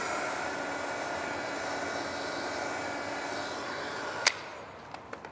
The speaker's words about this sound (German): Das finden immer hier unsere Baustellenkollegen mit am lustigsten so, dass wir hier mit dem Föhn arbeiten.